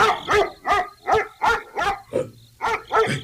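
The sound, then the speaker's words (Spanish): A black dog barks repeatedly in a street, about eight sharp, loud barks in a quick, steady rhythm with brief gaps between them, and no voices. “Cuando faltaba una cuadra para llegar a la casa de Antolín, un perro negro apareció en la calle.”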